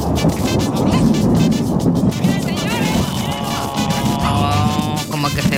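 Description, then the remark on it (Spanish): A loud, steady wash of heavy rain with deep low rumbling of a thunderstorm with lightning at night in Río Bueno, filling the whole scene without pause while faint voices murmur underneath. “Mira, ahí, está lloviendo.”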